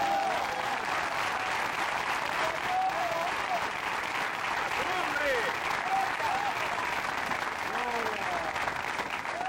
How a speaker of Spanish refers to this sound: Fuerte aplauso, Señor, en esta hora.